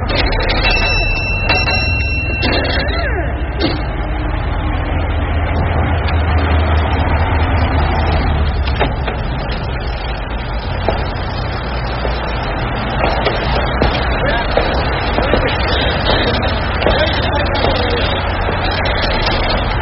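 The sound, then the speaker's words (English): A car that is brought in once a week pulls up, its engine rumbling steadily and idling for the whole stretch, with a brief ringing chime near the start and a constant low background noise. “She's bringing it in again. Gets the car pulled up once a week.”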